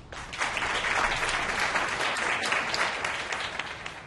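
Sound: audience applause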